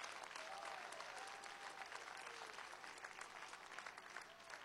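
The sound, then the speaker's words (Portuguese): An audience claps steadily together, applauding the Lord for the lives of visiting brethren, a dense, sustained wash of applause lasting several seconds with no one speaking over it. “Quem pode aplaudir ao Senhor pela vida dos nossos irmãos?”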